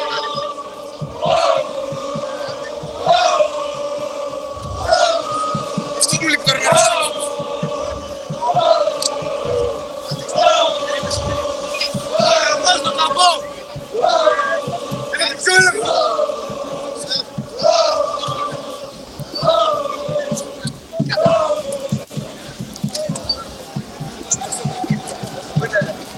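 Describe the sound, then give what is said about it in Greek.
A large crowd shouts in unison, a loud rhythmic chant whose short phrase repeats roughly every two seconds, sustained for the whole stretch with a constant roar of voices underneath. “Ακούμε κόσμο, ακούμε κόσμο, κόσμο.”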